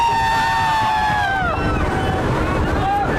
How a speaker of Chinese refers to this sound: 哇，首先感觉速度是非常快的，整个这个车全部都是敞篷的啊，然后大家听到这个机器的轰鸣就知道我们现在可以算是在沙漠里面飞。